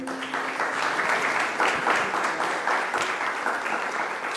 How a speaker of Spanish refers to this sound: Que se escuche el aplauso para ambos.